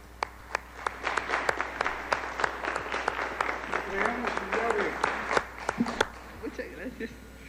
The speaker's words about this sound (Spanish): Muchas felicidades. Un aplauso.